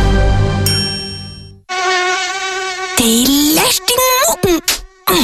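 A loud, high-pitched mosquito whine drones steadily, then wavers and swoops up and down in pitch as if circling, broken by short gaps.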